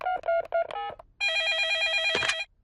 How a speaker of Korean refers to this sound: 수지한테 전화해보자.